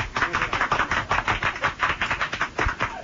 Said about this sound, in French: On les applaudit.